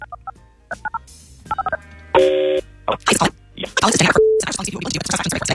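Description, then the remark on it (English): A phone number is punched in on a keypad, a quick run of short touch-tone beeps in uneven bursts, then a longer steady tone before voices start talking. “let's make the phone call on KDWB's War of the Roses”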